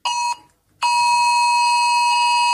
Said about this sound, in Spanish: Es el mensaje de esa alerta de Protección Civil que llegaba a los teléfonos y que ha sobresaltado a más de uno. Parecía una alerta catastrófica y total, es un eclipse. Sí, nos ha pegado un susto además. Estábamos en el coche y todo a pitar.